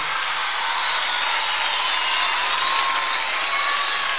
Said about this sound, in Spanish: quiero fuerte el aplauso para él